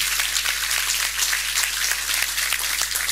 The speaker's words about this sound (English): And so you'll get to hear from him in a little bit, but if you'll help me give him a round of applause as well.